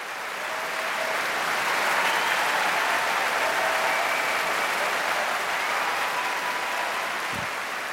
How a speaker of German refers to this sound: Aber der Applaus in London ist groß und das Orquesta Nacional de España belohnt ihn mit einer Zugabe aus dem so reichen Fundus der spanischen Zarzuela.